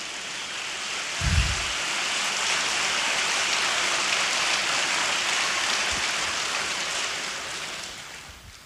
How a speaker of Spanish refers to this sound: Dele un fuerte aplauso al Señor esta mañana.